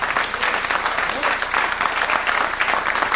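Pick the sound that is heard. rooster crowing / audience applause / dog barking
audience applause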